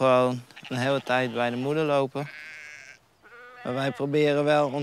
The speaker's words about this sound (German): Wir haben 30 Schafe. Normalerweise bekommen sie im April 2 Lämmer und die bleiben dann eine ganze Weile bei ihren Müttern.